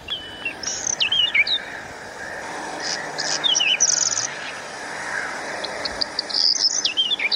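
A small bird's call, played back on a mobile phone, repeats in several short bursts of thin, high-pitched whistled notes and quick sliding chirps, clearly audible over a steady background hiss, with no one talking.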